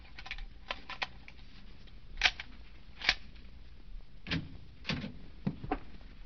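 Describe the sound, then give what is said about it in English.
A hotel room door is opened with a pass key amid a series of clicks and rattling knocks, with two sharper metallic clicks midway and a few soft low thumps toward the end. No one speaks. “Open the door.”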